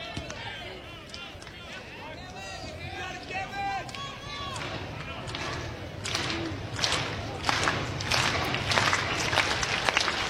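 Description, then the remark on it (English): A stadium crowd at an Iowa Hawks baseball game roars steadily, with scattered shouts and whistles early on, then rhythmic clapping swells through the second half as the cheering grows louder, urging pitcher Gavin through his first inning of work. “Crowd trying to help Gavin through his first inning of work.”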